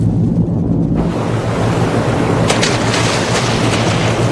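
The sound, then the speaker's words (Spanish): A torpedo launch: a low rumble suddenly bursts into a loud, steady rushing roar, with sharp crackling surges partway through as the churning noise carries on to the end. “Lanzamos el proyectil.”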